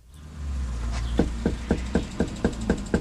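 A steady series of about eight sharp knocks on a front door, evenly spaced, rapping over a low background rumble after a brief quiet start, while door knocking under a beating sun in Yakima, in the 14th Legislative District in central Washington farm country.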